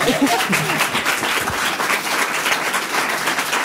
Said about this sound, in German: Ein Applaus für die Bibi.